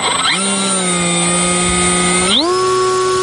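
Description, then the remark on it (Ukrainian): A small reconnaissance drone's electric motor, launched by a crew commander of the 151st separate reconnaissance battalion, whirs steadily with a buzzing harmonic tone, then its pitch sweeps sharply upward near the end as it spins up to launch. “Він запускає розвідувальний безпілотник.”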